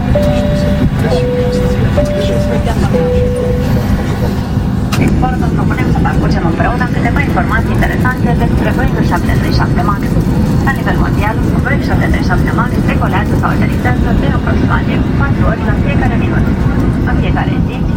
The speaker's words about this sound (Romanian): Urmează să intre în folosință pe noi rute Tarom. Ea este prima aeronavă din cele patru pe care conducerea Tarom spune că le va da în folosință până în septembrie anul viitor.